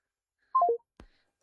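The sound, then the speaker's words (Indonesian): A quick descending run of three electronic telephone tones as a phone call line disconnects, followed by a soft click and then a sharp thump at the end. “Oke, sayang sekali terputus ya.”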